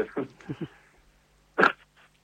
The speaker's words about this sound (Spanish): Perdón. Salud, te vino un estornudo justo.